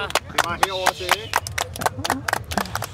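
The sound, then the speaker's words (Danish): A short burst of scattered, uneven hand claps for a quiz contestant's answer, crisp and fairly loud, while voices talk and exclaim over them. “Og der synes jeg godt, du kan høste et bifald, trods alt.”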